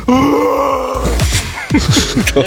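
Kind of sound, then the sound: vocal imitation, person imitating a roar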